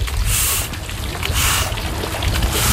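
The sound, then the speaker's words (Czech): Water runs steadily while a crew with long-handled brushes scrubs the wet floor of a 50-metre swimming pool in Lipník nad Bečvou, Czech Republic, in rhythmic bursts of swishing, with a low rumble underneath, fairly loud, no voices. “Pustíme tady vodu. No, vezmeme kartáče a čistíme.”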